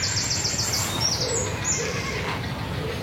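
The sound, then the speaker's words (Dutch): A steady chorus of nesting birds calling over a constant low rumble, with a run of repeated high, rasping cries early on and rough, almost growling notes mixed in. “Het is een scala aan geluiden. Ja, soms grommen ze bijna, hè?”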